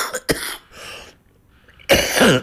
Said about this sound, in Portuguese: Esta maldita tosse, pá.